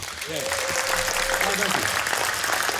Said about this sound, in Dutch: Applaus!